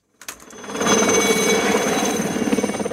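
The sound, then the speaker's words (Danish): A helicopter flying over Palm Springs, USA, and coming in to land on a lawn: a loud, steady mechanical roar that builds quickly, with a rapid rhythmic chop of rotor blades pulsing through it. No one speaks. “Starter vi i helikopteren, så ligner det et hvidt hav, omgivet af grønt græs.”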